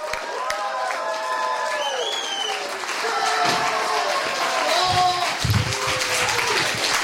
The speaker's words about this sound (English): Please give a big, loud, huge round of applause for our headlining comic, Dale Zawada!